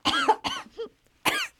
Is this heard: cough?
yes